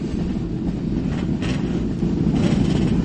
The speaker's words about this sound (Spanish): Ahí están los motores en marcha, todo el grueso de la gente que empieza a irse de la recta.